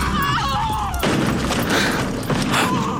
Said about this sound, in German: Oh, Allmächtiger, die Kutsche ist umgestürzt. Es schien fast so, als ob die schwarzen Pferde vor dem Marienstandbild in der Kurve gescheut hätten.